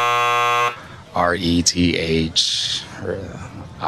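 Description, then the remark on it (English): A loud, flat electronic buzzer blares for under a second with a harsh, steady tone, then cuts off abruptly as a person starts talking. “The buzz is kicking in right now.”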